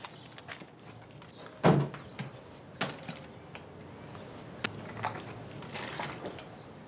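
Someone swallows a capsule up close, with a wet gulp near the start followed by scattered soft mouth clicks and faint rustling, and no one speaking.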